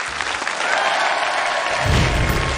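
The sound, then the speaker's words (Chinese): A crowd applauds steadily, welcoming teacher Liu Jianyong, a Beijing Aquarium science educator, to share the first animal; dense clapping fills the whole stretch without pause, with a low rumble swelling toward the end as the applause grows fuller. “那么我们就掌声有请刘建勇老师先给我们分享第一种动物。”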